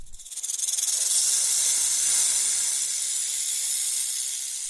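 A snake hisses in one long, unbroken breath, sharp and airy, swelling quickly at the start and then holding steady and fairly loud, with nothing else audible.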